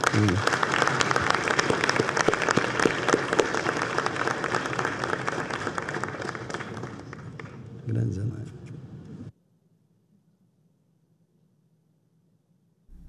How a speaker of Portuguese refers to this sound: Quero convidar aqui para compor a mesa também a nossa querida senadora Zenaide Maia. Pode aplaudir também para...